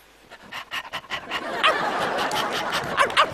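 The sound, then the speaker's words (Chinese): A person imitates a barking dog, acting out Pavlov's conditioned-reflex experiment while staring at a fan standing in for meat, starting with quick rhythmic huffs that build into a louder, continuous run of yappy, breathy dog-like barks. “你是真狗啊！”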